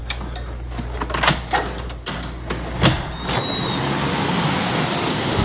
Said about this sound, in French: La voiture arrive.